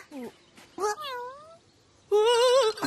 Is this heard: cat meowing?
yes